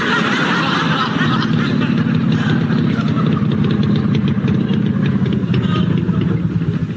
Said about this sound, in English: What have you stopped engines for? Well, I didn't have much choice, sir, without a juice.